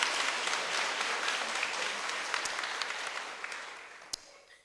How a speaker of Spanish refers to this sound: Démosle un fuerte aplauso a Suyapa Medios, que anda acá. Ah. Pero désenlo más fuerte para que venga, porque si no, no viene.